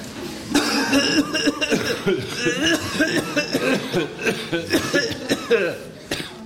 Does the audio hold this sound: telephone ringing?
no